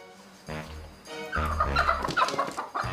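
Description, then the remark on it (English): Chickens cluck busily in a poultry stall, several birds calling over one another in short, overlapping bursts that grow louder and denser after a brief quieter start. “Poultry farmers no longer have to squeeze their chickens into boxes for transport.”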